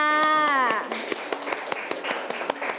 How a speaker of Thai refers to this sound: เดี๋ยวจะให้รางวัลทั้ง2กลุ่มเลยนะคะเด็กๆคะปรบมือให้กับทั้ง2กลุ่มด้วยค่ะ